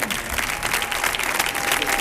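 An audience applauds steadily, a dense wash of many hands clapping at a constant, fairly loud level throughout, with no voices standing out.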